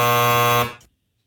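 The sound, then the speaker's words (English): A single loud, harsh game show buzzer blares steadily for over half a second during a trivia quiz, then cuts off and fades quickly into silence. “I was going to say what TV judge. Then that buzzer came in.”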